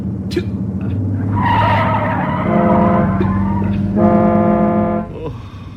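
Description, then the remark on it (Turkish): A car's tires screech loudly as the driver brakes hard and turns the steering wheel to avoid an oncoming bus, a sustained squealing skid lasting several seconds alongside engine rumble, then abruptly cutting off. “Tam zamanında kırdım direksiyonu. Tam zamanında kırdılar. Emir Sultan'ın himmeti. Frene de tam ayarında bastım.”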